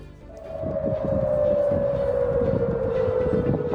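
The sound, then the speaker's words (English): A single air raid siren in Jordan holds a long, steady wail that sinks slowly in pitch, sounding loud and continuous over a rumbling, noisy background, as the military reports shooting down Iranian missiles. “Sirens have sounded across Jordan after the military says it shot down three Iranian missiles.”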